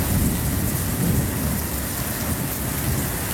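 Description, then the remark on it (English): Heavy rain pours down steadily in a dense, loud roar, with gusting wind and a low rumbling undertone throughout, continuous with no voices. “Remember those sounds? Top enders? Of rain and wind.”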